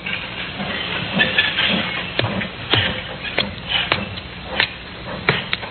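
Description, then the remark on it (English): Busy railroad yard ambience at Almouth in the coal district around Newcastle: a steady hiss of steam with repeated sharp metallic clanks and knocks from train cars under a continuous low rumble, no voices. “A puzzle which began in the railroad yard at Almouth in the coal district around Newcastle.”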